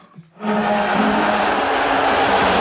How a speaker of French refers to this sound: Est-ce que vous entendez? C'est le président américain qui a été sifflé au Madison Square Garden. Il était venu assister donc à ce match entre les Knicks de New York et les Spurs de Victor Wembanyama, vainqueur 115 à 111.